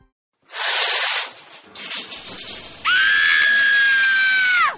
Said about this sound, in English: Why is the water freezing? Cold showers are the worst.